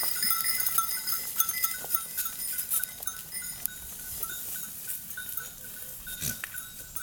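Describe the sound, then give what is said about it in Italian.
Outdoor farm ambience with a herd of Camosciata delle Alpi goats, a steady clink of bells and an occasional short bleat rising from the animals, no voices. “Le capre sono curiose e intelligenti e amano variare la dieta.”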